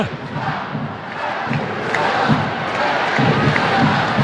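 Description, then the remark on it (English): A large crowd at an Angel City versus Gotham soccer match, scoreless in the 89th minute, chants and roars in a dense, continuous wall of voices, steady and loud throughout, with rhythmic swells and occasional thumps beneath, commenting on referee Gerald Flores' socks. “And the crowd commenting on referee Gerald Flores' socks, unless I heard that wrong.”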